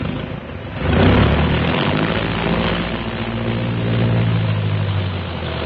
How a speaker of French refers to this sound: 8h25. Dans un fracas de tonnerre, les moteurs sont mis en marche.